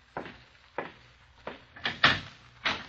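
A door being opened, heard as a series of six dull thumps and rattles at uneven intervals, the later ones louder and sharper, with no voices.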